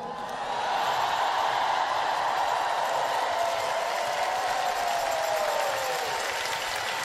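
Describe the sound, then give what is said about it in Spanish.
Sustained, dense applause from a large audience in an auditorium of a Los Angeles convention center, steady and loud for several seconds with a faint crowd murmur mixed in, no speech over it, applauding the word of the Lord. “Fuerte ese aplauso para la palabra del Señor.”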